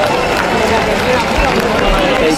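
A muddy, distorted live concert recording where music and crowd noise blur into one dense, loud, steady wash with no clear detail, like a phone capture from the audience.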